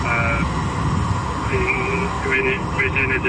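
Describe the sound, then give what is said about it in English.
A drone's high, wavering electric whine hums steadily overhead, over an area where an explosion has just occurred and smoke is rising, through a constant rumble of wind and background noise, with muffled voices talking beneath it. “Now we are photographing the drone and then surrounding our area for a report. Two drones right out of the road.”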